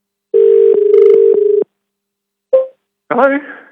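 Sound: telephone dial tone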